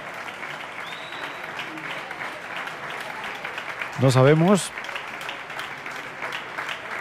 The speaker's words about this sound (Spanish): Concluye por fin este recital de Javier Perianes, que empezaba a las 10 de la noche. Llevamos 2 horas y cuarto. Bueno, siguen los aplausos.